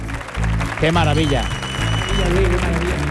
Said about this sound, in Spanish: Un número yo creo que importante, un número con premio que se merece este aplauso de nuestro maravilloso público.